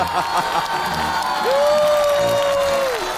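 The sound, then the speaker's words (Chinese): An audience applauds steadily, a dense, continuous wash of clapping throughout, with a sustained whistle-like tone joining halfway through and holding for over a second before fading. “掌声不停，包子不停。”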